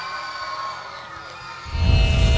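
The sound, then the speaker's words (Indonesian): A crowd cheers and claps for the dance group Fun Crew's dance performance Regeneration Awaken, over a steady droning tone, the noise swelling suddenly louder for the final second into a dense, roaring burst of applause. “Berikan tepukan.”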